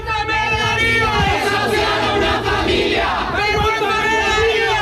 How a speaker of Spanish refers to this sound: en medio de los gritos de condena de varias organizaciones y sindicatos.